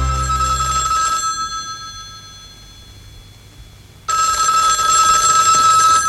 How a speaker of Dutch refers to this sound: Wacht je op een telefoontje van iemand? Dit is nog een telefoontje uit de tijd dat een telefoon nog aan een draadje vastging.